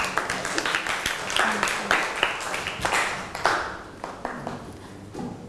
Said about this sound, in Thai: ก็ต้องขอขอบคุณตัวแทนนักเรียนนะคะขอเสียงปรบมือให้เพื่อนอีกครั้งหนึ่งค่ะ